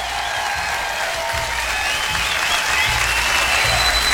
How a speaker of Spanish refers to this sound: ¡Aplauso!